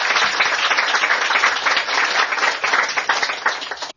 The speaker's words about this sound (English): Can we have a round of applause for Naomi?